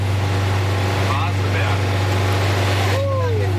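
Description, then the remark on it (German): A vintage bus engine labors slowly up the Waseberg hill at a snail's pace with a loud, steady low drone and rumble that never lets up. Faint voices drift underneath. “Da ging es hoch im Schneckentempo mit ziemlich lautem Motor.”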